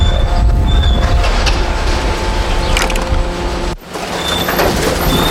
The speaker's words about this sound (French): Ici on est dans le domaine de l'ouvreur de sacs. Hein. C'est une machine qui nous permet de nous ouvrir, on va dire 95% des sacs. Qui ensuite passe sur une bande hein, qu'on peut voir là actuellement.